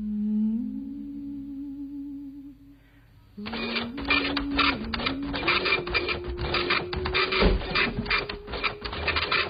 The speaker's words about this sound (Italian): Aspetta che spengo la stampante.